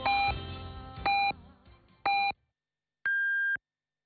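Beijing time signal on China National Radio's Voice of China: three short, evenly spaced electronic beeps a second apart, then a longer, higher-pitched final tone, clear and loud, with faint music fading underneath the early beeps.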